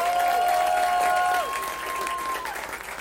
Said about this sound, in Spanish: Y revienten en aplausos para Cándido Domínguez.